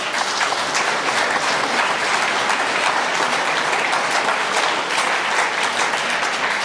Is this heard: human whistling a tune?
no